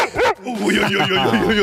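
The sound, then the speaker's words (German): A one-year-old dog barks loudly on command, a sharp bark followed by a run of higher, whiny yips and vocalizing. “Kannst du das mal zeigen, wie das funktioniert, wenn er dann bellt?”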